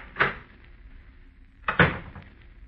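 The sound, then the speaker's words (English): An office door in a brand new building opens and then shuts about a second and a half later, two short wooden knocks with a bit of rattle, with no one talking. “I stepped outside the office door and walked over to the brand new stairway of that brand new building.”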